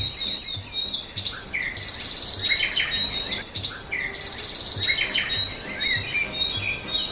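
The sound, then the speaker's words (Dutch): A dense dawn chorus of many birds singing at once, overlapping chirps, trills and whistles filling the air continuously, some close and bright, others farther off, with no voices present. “En ik ben verwelkomd door het gezang van misschien wel duizenden vogels.”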